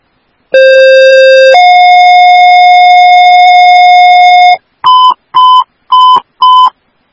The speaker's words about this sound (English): All units stand by for tones.